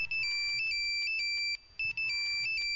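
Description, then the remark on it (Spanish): A mobile phone ringtone plays a bright, repeating electronic melody of alternating high tones, looping twice with a brief pause between, loud with no voices. “Uy, Corroncho, ¿ahora con el celular?”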